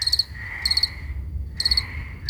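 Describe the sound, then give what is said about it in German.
Crickets chirp on a mild summer evening in short, rapid pulsed bursts that repeat every half second or so, a steady high trill over a low rumbling background, with a brief pause before the chirping resumes. “Die Grillen und das Zirpen, das macht irgendwas mit unserer Stimmung, ne?”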